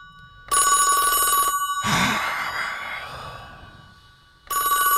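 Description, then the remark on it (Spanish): A telephone rings with a bright, harmonic electronic tone in two bursts, with a short breathy sigh or grunt in the pause between rings, loud. “Está el teléfono ahora, bueno.”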